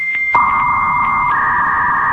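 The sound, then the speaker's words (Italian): A voice imitates a 56K dial-up modem: a loud, steady squeal of two sustained pitches over a hissing, crackly noise bed, with the upper tone jumping higher partway through and holding to the end. “Oppure al gracchiare del modem 56K”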